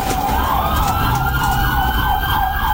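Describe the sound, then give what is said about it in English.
An FHP police car's siren wails loudly and continuously as it chases a drunk driver going the wrong way. Its rapid rising-and-falling yelp repeats over a steady rumble of road and engine noise, unbroken throughout. “You get an FHP car behind, lights and sirens. You hear the sirens blaring.”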